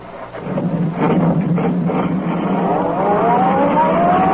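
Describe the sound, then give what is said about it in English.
A sedan speeds along a concrete road after Brinkley's car as Britt Reed presses down on the accelerator, its engine a loud, steady roar with a whining pitch that climbs near the end as it accelerates. No one speaks. “Sedan sped along the concrete after Brinkley's car.”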